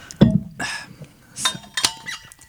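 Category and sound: household object, drink can being opened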